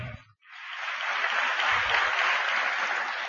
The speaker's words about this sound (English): Your claps verily denote that he is a great and a very well-known performing artist and needs no introduction to all of us.